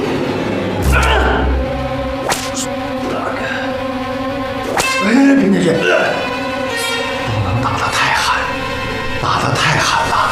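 Several sharp, cracking lashes of a whip beating a captured young man strike at irregular intervals, loud, over a dense background of sustained tones and muffled vocal sounds.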